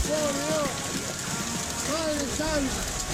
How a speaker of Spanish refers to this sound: Muchi, parece nieve, pero no es nieve, ¿eh? Es granizo. Esto pasó en Córdoba.